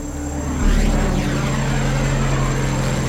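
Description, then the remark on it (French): A loud, steady propeller-engine drone of military airplanes passing overhead while searching over thick forest canopy for a crashed Cessna, swelling slightly early on and then holding a deep, continuous rumble with a droning hum, no voices. “5 jours après le crash, les avions militaires n'ont toujours rien trouvé.”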